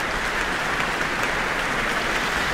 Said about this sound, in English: And we have Leanne Holmes coming to the stage to receive her very warm applause from the Auckland audience tonight.